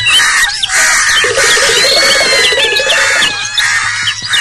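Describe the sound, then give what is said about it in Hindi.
Many birds squawk and screech loudly all at once, a dense, chaotic burst of shrill cries and chattering calls that continues without pause from start to finish. “चीख पुकार की आवाजें सुनकर बिल्ली बहुत घबराई और डर कर भाग गई।”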